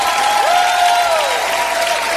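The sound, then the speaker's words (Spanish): An audience applauds with dense, steady clapping that fills the whole moment, while a single sustained tone glides up and then holds faintly above the noise. The applause is praise for Christ during a Christian worship service broadcast on Radio Sendas FM. “El único a quien exaltamos, a quien bendecimos, oh, a quien aplaudimos con lo mejor.”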